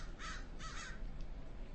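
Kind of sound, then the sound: bird, crows cawing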